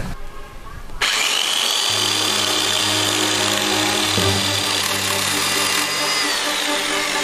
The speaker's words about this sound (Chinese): 爷爷今天早上是去集市上修他的电锯去了。